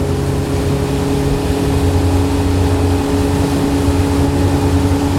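A loud, steady boat engine drones continuously, with a deep low rumble and humming tones, recorded while riding aboard a small boat.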